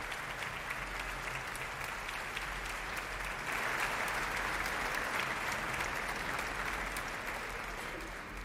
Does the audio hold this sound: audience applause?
yes